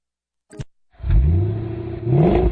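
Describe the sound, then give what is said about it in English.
The engine of a plum crazy purple 1970 Cuda AAR muscle car roars to life after a short click, then revs loudly in two deep, rumbling surges with rising pitch. “Yeah, it's a 1970 Cuda AAR, actually.”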